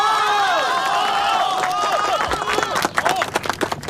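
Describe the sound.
A crowd of villagers bursts into loud applause with cheering and shouting voices on top, welcoming the village party secretary to speak; the cheers dominate at first before a thick wash of hand-clapping takes over and continues steadily to the end.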